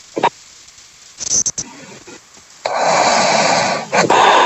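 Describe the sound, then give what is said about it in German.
A caller to a live call-in studio show snores over a muffled phone line: a few short breathy snorts, then a long, rough, noisy rasp that swells and holds to the end, fairly loud. “Hat die gerade geschnarcht?”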